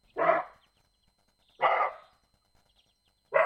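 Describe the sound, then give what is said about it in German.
Three loud, harsh barks from a roe deer, spaced evenly about 1.5 seconds apart, each a short rasping burst with silence between, resembling a dog's bark but rougher, heard alone. “Sobald sie Gefahr wahrnehmen oder ihr Revier verteidigen wollen, stoßen sie ein lautes Geräusch aus.”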